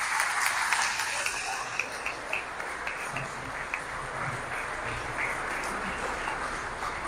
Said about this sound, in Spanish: El número premiado es el 11E. 11. Allá, un aplauso para ella.